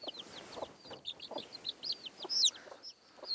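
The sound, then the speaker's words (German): A hen clucks in short, steady bursts, with brisk high-pitched chirps and peeps scattered over the top throughout. No one speaks. “Au, du blöde Henne, du. Nicht so einfach, einen Huhn auszutricksen.”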